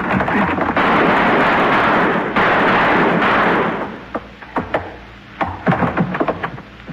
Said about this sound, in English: I'll shoot the lock, and then we go in.